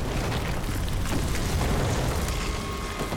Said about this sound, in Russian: Снаряд попадает в дом, и он на глазах рушится.